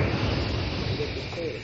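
A steady, continuous hiss of a jet of moisture spray, used in an advertisement for the Rowley 903 cigarette, runs for under two seconds, broad and fairly loud, with a faint low rumble beneath it and no break in the flow.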